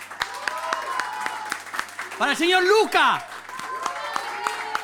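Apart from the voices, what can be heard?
audience applause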